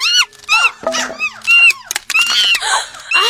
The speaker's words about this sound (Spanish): ¡Ay! ¡Monos dentro de mi casa! ¡Fuera, monos! ¡Fuera! ¡Salgan de mi casa!